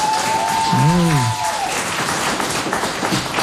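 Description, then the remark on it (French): An audience applauds a nervous boy steadily for a few seconds, a dense wash of clapping throughout, with a brief voice-like cheer rising and falling near the start. “Vous allez l'applaudir, s'il vous plaît.”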